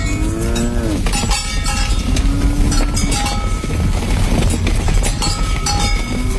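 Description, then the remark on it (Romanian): Oxen pulling a cart uphill in hill country on the way to a neighbouring village low in deep, drawn-out moos, one long call sliding in pitch, while cowbells clank steadily throughout over a dense, continuous background noise. No one speaks. “Nu vrei să pocnești din bici pe lângă boi să mă ducă până în satul vecin?”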